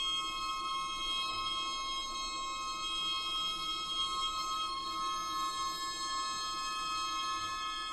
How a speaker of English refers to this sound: These particular ringing tones come from a piece by composer and sound artist Jakob Kierkegaard. It's called Labyrinthitis.